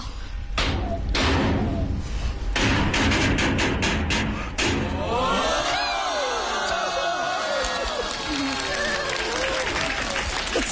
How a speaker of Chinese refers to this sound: 新年到，真热闹，家家户户放鞭炮，放个五谷丰登大烟花，祝各位把金银财宝搬回家。